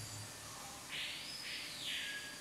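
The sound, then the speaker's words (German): High, bright bird calls ring out in a couple of sustained, warbling phrases over a soft background hiss, fairly clear, with no one talking. “Ich glaube, die Vögel sind jetzt auch zufrieden.”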